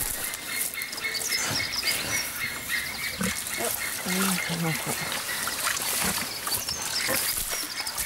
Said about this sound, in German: Und wenn wir hier hinten hingehen, wissen die genau, dass der Schlauch angestellt wird.